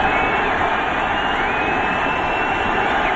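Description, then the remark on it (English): A huge crowd roars and cheers at Game 3 of the World Series, Diamondbacks versus Yankees, in October, as George W. Bush throws a strike from the mound; a loud, steady wash of noise holding at full intensity for the whole few seconds, with no single voice standing out. “Listen to that crowd.”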